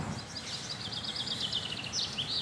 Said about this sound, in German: Die Birdscanner-App verrät, Halsbandsittich, Amsel, Alexandersittich, Buchfink und Ringeltaube sind gerade unterwegs.